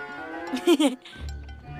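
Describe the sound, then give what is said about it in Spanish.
A cow being fed strawberries gives a short, loud moo with a wavering pitch, then a low, steady rumble continues after it. No one speaks. “La vaca se comerá estas fresas y luego nos dará leche de fresa.”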